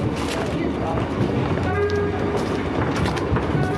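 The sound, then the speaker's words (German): Busy railway station ambience at Euston station in northwest London in the early evening, with a train rumbling past, steady and loud throughout, with faint voices and brief tonal squeals from the rails mixed into the din. “Bahnhof Euston im Nordwesten Londons, der die Stadt mit Reisenden aus ganz England verbindet.”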